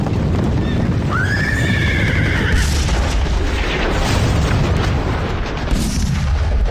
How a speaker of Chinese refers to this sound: 古北口长城方向的隆隆炮声传到了北平城。